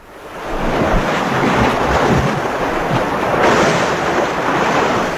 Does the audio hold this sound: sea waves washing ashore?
yes